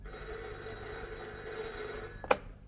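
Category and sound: household object, telephone ringing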